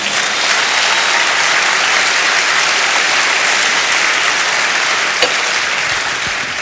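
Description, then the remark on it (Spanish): An audience claps to the Lord, steadily and loudly, a dense continuous wash of many hands with no breaks, holding even volume throughout and tapering only slightly at the end. “Dele palmas al Señor.”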